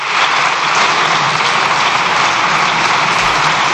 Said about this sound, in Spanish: Extienden los diputados en el aplauso.